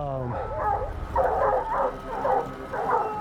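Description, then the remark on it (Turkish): Hunting dogs, including Lefty at the base of the tree, bay at a treed mountain lion in a run of about five drawn-out, wavering howls, loud and insistent, each rising and falling in pitch with short breaks between them. “Lefty de ağacın dibinde coşmaya başladı. Havlama tonundan belli oluyor.”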